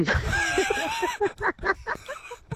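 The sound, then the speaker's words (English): A kookaburra call rings out loud, a run of raucous, cackling notes that rise and tumble in quick rhythmic bursts before trailing off, with no talking over it. “Probably is a kookaburra doing that.”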